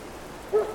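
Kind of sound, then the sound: nature, rain falling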